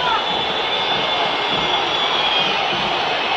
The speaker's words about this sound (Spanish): Silbido monumental.